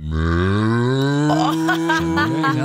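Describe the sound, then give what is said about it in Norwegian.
A person imitates a desperate cow with one long, loud, drawn-out moo that climbs steadily in pitch and turns strained and wavering toward the end. “Det finnes forskjellige kuer også. Nå hadde du den kuen, så har du mer sånn desperat ku, ikke sant?”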